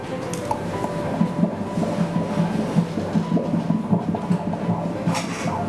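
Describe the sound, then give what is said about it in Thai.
Fetal heartbeat heard on an ultrasound Doppler during a doctor's prenatal scan of a mother: fast, steady whooshing pulses, about two per second, over a continuous low hum. No one speaks. “นี้เป็นเสียงหัวใจเด็กนะคุณแม่หัวใจเด็กจะเต้นเร็วกว่าผู้ใหญ่2เท่าเพราะฉะนั้นจังหวะที่ได้ยินนี่คืออัตราปกติ”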